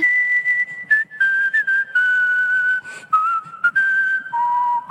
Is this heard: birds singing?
no